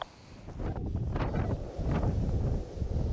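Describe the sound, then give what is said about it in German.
Strong wind roars and buffets the microphone in steady, heavy gusts, a loud, rumbling rush with no voices, continuous throughout. “Starker Wind. Das ist unser Feind.”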